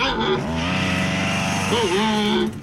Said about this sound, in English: There's an endangered panda using a chainsaw.